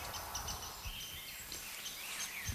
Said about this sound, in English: Oh, there's a rose-breasted grosbeak singing. Well, that is excellent. That's a bird that we mostly get as a migrant. You hear that? That beautiful, sweet song. That is beautiful. It's sort of been described as like if a robin took singing lessons.